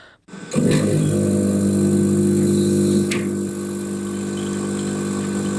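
A coffee machine in one of the labs of the Technical University of Munich's hospital (Klinikum) runs with a steady, loud mechanical hum rich in low tones, starting abruptly after a brief silence; a faint click sounds midway and the drone eases slightly afterward. No talking.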